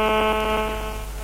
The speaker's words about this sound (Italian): Che cos'è questo rumore? No, mi sta squillando il telefono.